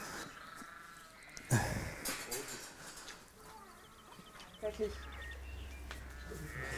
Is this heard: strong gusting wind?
no